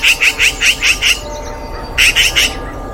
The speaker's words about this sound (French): Tu te promènes tranquillement dans un village et des cris t'interpellent. Tu n'as pourtant rien volé ! Oh, mais c'est une pie !